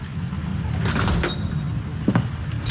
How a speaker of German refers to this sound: Und als wäre das alles nicht genug, trat irgendwann die schlimmste aller Hexen durch die Tür.